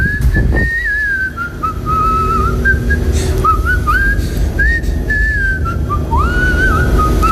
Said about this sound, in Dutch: Nou, laten we eerst even naar het fluitje van jou horen. Luisteren.